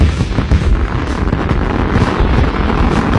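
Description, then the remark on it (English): A dense, loud barrage of fireworks from Pyro City at the Marshall Junction bursts in overlapping booms and crackles that roll continuously for a few seconds, with no voices. “Celebrate our 250th birthday with double the inventory and more fireworks than ever before from Pyro City at the Marshall Junction.”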